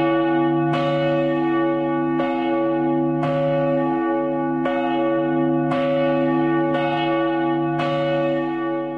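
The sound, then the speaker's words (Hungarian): A large church bell, the largest of the church's bells at 1,760 kg and audible up to 10–15 km away, tolls steadily, each deep resonant strike ringing out with a long humming sustain that overlaps the next, about seven strokes at a slow, even pace with no voices. “zsoltárnak a nyitóverse, te benned bíztunk elejétől fogva, Uram, és volt egy nyitott könyv, egy tekintélyes méretű harangról van szó.”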